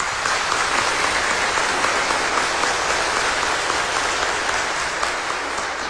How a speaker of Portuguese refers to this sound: E a comunidade convida a todos para nós acolhermos esse casal juntamente com seu filho, com a forte salva de palmas.